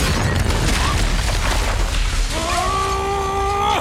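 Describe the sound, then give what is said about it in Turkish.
A rocket launch explosion: a loud, sustained roaring blast with heavy low rumble, and partway through a steady whining, whistling tone rises over the noise. “Roket!”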